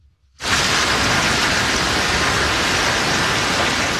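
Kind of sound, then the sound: nature, heavy rain and hail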